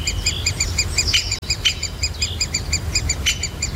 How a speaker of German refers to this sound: Und ist ein Buntspecht.